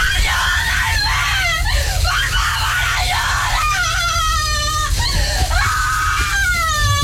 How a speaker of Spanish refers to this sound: salió corriendo de la casa desesperadamente mientras gritaba en la oscuridad de la noche pidiendo ayuda.